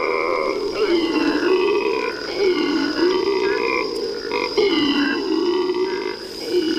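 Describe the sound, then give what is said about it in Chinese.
Howler monkeys roar in the early morning, calling out their location to other troops in a deep, guttural chorus that rises and falls in long waves, loud and unbroken for the whole stretch, with no voices speaking. “每天清晨，吼猴都会用叫声向其他猴群告知自己的位置。”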